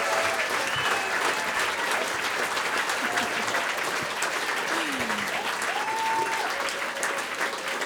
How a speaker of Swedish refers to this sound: Ge dem en applåd till.